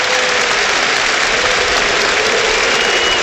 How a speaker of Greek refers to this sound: Χειροκρότημα από τον κόσμο εδώ.